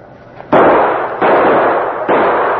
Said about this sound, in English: Shoot the lock off and let's bust in.